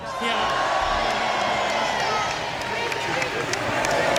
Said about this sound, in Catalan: Ara el públic el venera, evidentment, Riqui, Riqui.